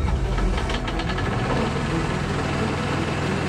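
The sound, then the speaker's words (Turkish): A pump engine idles steadily while warming up, a low, continuous rumble with a faint rhythmic knock and some higher rattling at the start, holding even loudness throughout with no voices. “Pompayı rölantiye al. Bir dakika daha ısınsın.”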